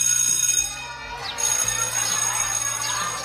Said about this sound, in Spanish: En ese preciso momento, sonó el timbre para dar el término de la clase.